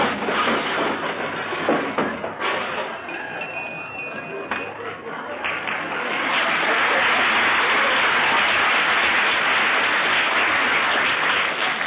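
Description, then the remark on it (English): An overstuffed closet spills open, unleashing a long, continuous cascade of crashing, clattering objects that swells louder partway through and keeps tumbling right to the end. “Gotta straighten out that closet one of these days.”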